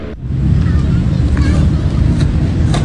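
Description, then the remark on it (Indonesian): A steady, loud low roar of road traffic on Jalan Jenderal Ahmad Yani beside the Taman Linkin Park skateboard arena in Rawasari, Central Jakarta, in the afternoon: cars and motorcycles rumbling past continuously with a few higher engine whines rising out of the din. “Deru mobil dan sepeda motor di Jalan Jenderal Ahmad Yani tak mengalihkan perhatian para pemuda di Taman Linkin Park, Rawasari, Jakarta Pusat.”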